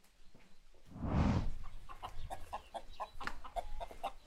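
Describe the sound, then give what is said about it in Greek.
A mountain hen, being readied for cooking, clucks in a quick series of short, repeated calls, preceded by a brief loud rustling burst like flapping or handling. “Την έχω έτοιμη. Την ξαπλώνω και πάμε για μαγείρεμα. Κότα ορεινή.”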